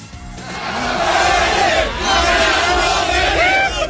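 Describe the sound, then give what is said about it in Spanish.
A loud, continuous crowd roars and cheers at the Fan Fest in the capital's Zócalo after a 0-0 match, tossing the only Cape Verdean fan into the air, while a high-pitched child's voice shouts repeatedly over the din, its cries rising and falling throughout. “Porque hay un niño ahí gritando cosas.”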